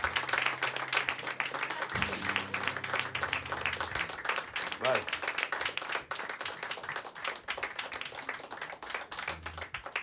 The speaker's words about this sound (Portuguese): Três palmas na mão.